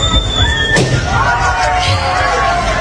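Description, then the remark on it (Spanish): A person whistles a shrill, high note that holds for a moment, then another pops a balloon with a pin in a single sharp pop, followed by a busy crowd of voices and cheering as tourists run toward the sunloungers at a hotel pool opening in Roquetas de Mar. “Una persona, pues, Una persona silbando y otra explotando un globo con un alfiler, ¿no?”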